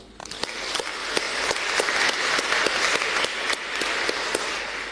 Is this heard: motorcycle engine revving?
no